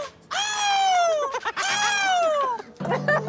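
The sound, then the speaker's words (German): A person imitates a seagull, giving two long, loud, harmonic cries that start high and slide downward, followed by a shorter, rougher squawk. “Ich will jetzt, dass jeder einmal die Möwen nachmacht, okay? Ich kann die Möwe ja.”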